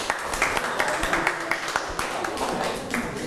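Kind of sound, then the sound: crowd, audience clapping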